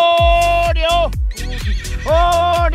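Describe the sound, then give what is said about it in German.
Loud horse whinnies at a sanctuary farm for horses in Ovelgönne, Wesermarsch, ring out one after another, shrill quavering calls that slide downward and fill the whole moment with no talking over them. “Das klingt ja so ein bisschen wie bei Bibi und Tina jetzt.”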